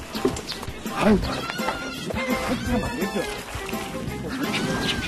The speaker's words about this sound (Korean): 농장 탈출을 감행한 여 염소 녀석들이구만. 이건 뭐 비상사태입니다.